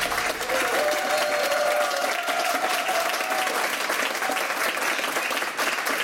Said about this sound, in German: Also, wenn heute Abend beim Fußball auch so viel Applaus herrscht, dann könnte Argentinien vielleicht doch gewinnen gegen England.